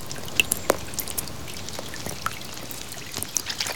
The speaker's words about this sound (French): Oh, il pleut, dit Malo. La pluie tombe doucement sur la terre.